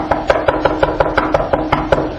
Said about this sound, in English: Then all of a sudden there's a knock on the door.